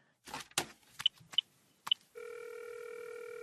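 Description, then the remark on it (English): A few clicks and short electronic beeps of buttons being pressed on a phone, then a steady electronic ringing tone of the call going through. “Oh, yes, I know. I'll call her.”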